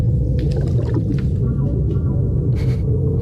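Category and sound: animal, whale vocalizations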